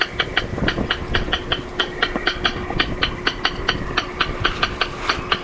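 Recorded rail bird calls play on a loop from a speaker on a platform in a restored wetland, fed by an audio device powered by a car battery: a long run of sharp, dry clicking notes repeated at a quick, uneven rhythm over a steady low rumble, with no one talking.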